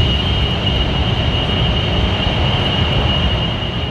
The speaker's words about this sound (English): County is known as the data center capital of the world, but residents who live next door to some of them say they're producing noise that's not only annoying, but debilitating. Imagine hearing loud hums or white noise like this right here.